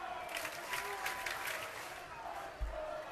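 A big stadium crowd cheers and claps in a steady, swelling roar, with no single voice standing out, plus a brief low thump near the end. It is a baseball crowd at a ballpark coming alive as the pitcher gets ahead 0-2 in the count, after a brief light rain shower.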